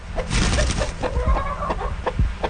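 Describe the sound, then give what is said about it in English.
Chickens cluck and squawk in a busy, overlapping chorus on a cattle and grain farm in central Alberta, several birds against a steady outdoor background noise, with short sharp calls scattered throughout. “Plus, she's got a couple of horses and chickens.”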